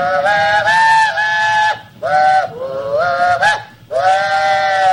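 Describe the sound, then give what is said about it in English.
A train engineer blows the train whistle loudly in three long, wavering blasts separated by brief pauses, the last one cut off at the end, with no voices. “I ran through the passenger car, through the dining car, through the baggage car, and they didn't find me until the engineer blew his whistle.”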